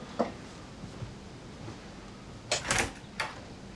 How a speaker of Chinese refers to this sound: 谁啊？ 我 开门。